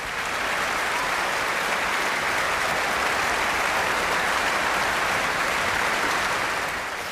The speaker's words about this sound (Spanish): Y los aplausos seguían en el Concertgebouw de Ámsterdam el pasado 1 de julio.